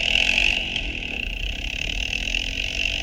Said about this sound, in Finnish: Tässä on keskustelu ja nyt Andre hyppää jonkun ajoneuvon mönkiä mopon kyytiin.